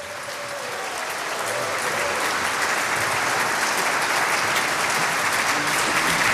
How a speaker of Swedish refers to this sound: 90 år på Åland. Det tycker jag är värt en applåd.